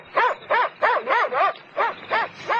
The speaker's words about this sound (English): Hey, what's that? An Alsatian.